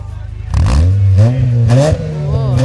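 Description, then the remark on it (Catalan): A car engine revs hard after a brief low idle, its pitch climbing and surging in repeated throttle bursts as the driver is told to give it gas, loud with no voices. “Dóna-li gas, gas, gas.”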